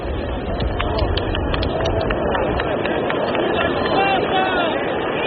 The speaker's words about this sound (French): Et vous entendez les applaudissements qui saluent l'apparition de sa sainteté Paul VI.